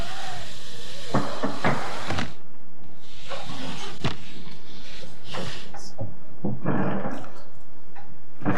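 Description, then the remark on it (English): A chair is brought over and a microphone shifted so a speaker can sit closer to it, producing a run of irregular scrapes, knocks and rustling handling bumps over several seconds, with no talking. “Bring a chair. Sit on there. I will shift the mic.”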